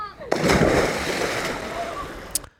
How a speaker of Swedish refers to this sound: När Per Anders och Henry hoppade i vattnet